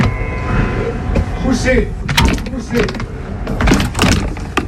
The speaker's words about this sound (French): Poussez. Ça y est, j'ai réussi. Un peu archaïque cette porte. Bon, enfin, elle surprend tellement de gens qu'elle me rassure vis-à-vis de certains voleurs, par exemple.